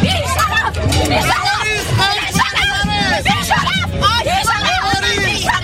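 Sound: protest crowd shouting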